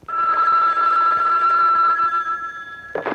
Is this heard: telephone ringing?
yes